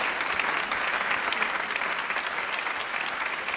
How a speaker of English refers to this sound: Please applaud them. Very nice. MashaAllah.